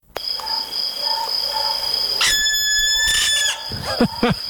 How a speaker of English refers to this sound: And last word to this guy. This is the barn owl screech.